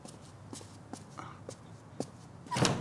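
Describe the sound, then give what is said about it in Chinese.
Five or six steady footsteps land about half a second apart, crisp and moderately loud, followed by a louder, rougher burst as a door is opened at the end. “哎，我去开门。”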